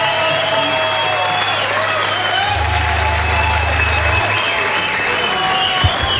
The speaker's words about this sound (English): Thank you. Thank you. Another round of applause, because that was just...